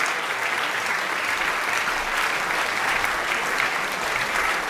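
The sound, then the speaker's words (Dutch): A concert audience rises at once in a standing ovation after a chamber music performance of a piano quintet, a dense, steady wash of clapping that stays loud and sustained throughout, with no voices standing out. “Het publiek is enthousiast, is meteen gaan staan.”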